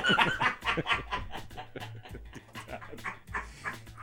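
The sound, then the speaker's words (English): A sick dog in a chair pants and snuffles in quick, irregular breathy bursts, with a few soft whines mixed in, continuing over a faint low hum. “Dad, the sick dog in the chair.”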